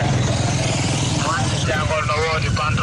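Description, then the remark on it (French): Dense street traffic of motorcycle taxis in the town streets of Djaoubé Kabendou on the approach of the Tabaski festival, with a steady low rumble of motorcycle engines, constant throughout, while voices talk over the din. “À Djaoubé Kabendou, comme partout ailleurs, l'approche de la Tabaski rime avec circulation dense dans les rues de la ville, ce qui favorise parfois des accidents”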